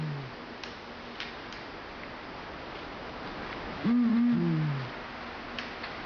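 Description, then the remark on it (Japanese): A Blakiston's fish owl on the shore of Lake Akan in Hokkaido gives a short burst of deep, low hoots, two overlapping calls, against a quiet, hissing night background with a few faint clicks. “北海道阿寒湖のほとり、静寂の闇夜に鳴くシマフクロウは村の守り神、コタンコロカムイと呼ばれます。”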